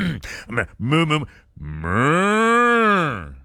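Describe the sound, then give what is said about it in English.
A person imitates a cow for opening day of the Milwaukee Milkmen baseball team, starting with a few short throaty vocal bursts and then letting out one long, loud, drawn-out moo that swells and falls. “Oh, I got to get my moo ready.”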